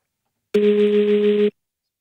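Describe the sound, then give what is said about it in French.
A single loud, steady buzzing telephone ring tone on a call to a car garage, lasting about a second, harsh and rattly like a phone vibrating against a hard surface, then cutting off abruptly into silence. “C'est quand votre téléphone vibre, mais qu'il est sur une surface.”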